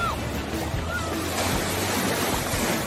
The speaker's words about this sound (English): Oh, here comes the big wave.